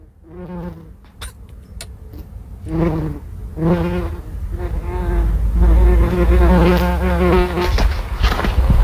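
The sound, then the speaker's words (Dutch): A bumblebee buzzes loudly on the flowers of a rock garden in droning, harmonic bursts that start and stop, shift in pitch, and grow into a steadier hum toward the end, with a low rumble underneath. “Het geluid van een hommel op de bloemetjes van de steentuin.”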